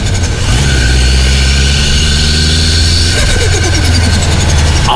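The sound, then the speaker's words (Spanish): A loud car engine idles with a steady low rumble, then revs up partway through, its pitch rising and falling before settling back into a throaty idle. “Así suena el auto, ¿ya?”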